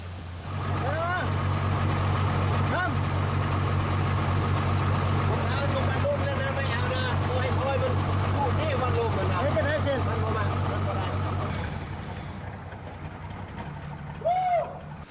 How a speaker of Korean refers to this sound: 끝내 나타나지 않은 돼지 주인에게 전화로 출발 상황을 알린 후 서둘러 도살장으로 향한다. 대형 배달 트럭 도이산 크앙은 어디서건 주차가 쉽지 않다.